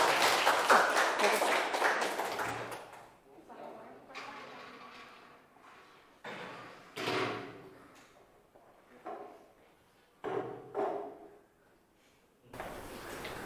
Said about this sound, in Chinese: 好，来请我们这个厨师小组来带来他们的展示，大家掌声送给他们。